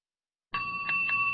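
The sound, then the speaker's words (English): After a moment of silence, bells start ringing, with bright sustained tones and a couple of quick strikes layered over a steady ring, moderately loud. “Bells. There's something insistent, something even alarming about them.”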